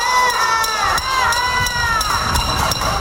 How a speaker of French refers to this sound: Des résidents de La Havane manifestent en tapant sur des casseroles en raison des coupures de courant.